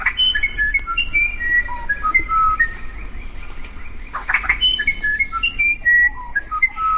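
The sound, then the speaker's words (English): A musician wren, a South American bird, sings a long run of clear, pure whistled notes that hop between pitches, with a brief harsher burst midway, over a low steady background rumble. “Among all the wrens, which is the most legendary singer? It's a tough decision, but many would choose South America's musician wren.”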